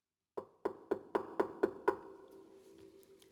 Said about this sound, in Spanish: Colorito pensaba que Agilina se encontraba en casa y llamaba desconsolado a la puerta.